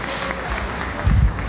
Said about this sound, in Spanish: Un aplauso. Un aplauso.